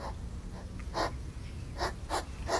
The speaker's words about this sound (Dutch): Maar het gesnuif van een egel in de achtertuin van Yvonne Siegel.